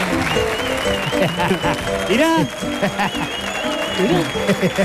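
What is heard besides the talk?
audience applause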